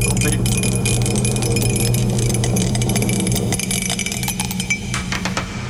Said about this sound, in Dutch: Oh, ja, sorry. Ik heb de dobbelsteen laten vallen. Hij zit hier. Oh, ik sta erop ook. Het is 6 geworden.